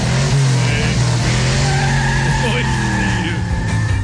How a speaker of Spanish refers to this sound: Qué feo suena tu carro, güey. Le hace falta el cambio de aceite, güey. Sí. Se anda ahogando, menso. Sí, también el carro es que lo aceleré muy gacho.